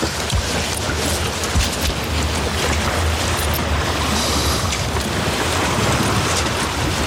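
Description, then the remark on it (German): Water laps and washes steadily around a boat drifting and rocking on a lake on an afternoon with its motor switched off, a continuous rush with soft wind noise mixed in and no voices. “Und wir stellen den Motor ein bisschen ab und schaukeln ein bisschen vor uns her.”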